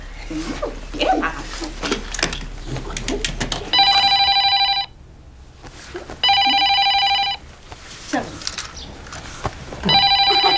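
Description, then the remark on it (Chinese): A telephone rings in three bright, buzzing bursts, each about a second long with short gaps between. Before the first ring, people talk and there is general shuffling. “你们也不知道接个电话哈。”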